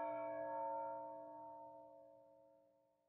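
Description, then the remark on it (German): Church bells ring out in a faint peal for a wedding next door, their sustained metallic tones humming and slowly fading away, with no voices present. “Ach du Schreck, die Glocken, der Schatz, der ganze Schatz rollt unters Sofa. Ich stoppe. Nebenan ist eine Hochzeit. Die läuten jetzt erstmal.”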